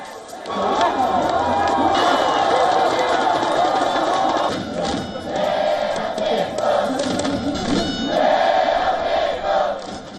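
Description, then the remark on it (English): A large crowd of South Korean football fans at a watch party in Seoul roars and cheers continuously after a dramatic FIFA World Cup win, with excited shouting and chanting swelling in waves; the noise stays loud and dense throughout, briefly dipping before surging again. “Now back in Seoul, fans gathered at watch parties to cheer their team on. They erupted in celebration after the dramatic win.”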